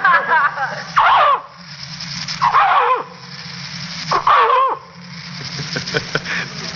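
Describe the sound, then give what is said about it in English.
A man, an animal impersonator, mimics a dog barking, giving three loud, drawn-out woofs spaced about a second and a half apart, with a low hum running underneath throughout. “Well, most of the time, I'm a dog.”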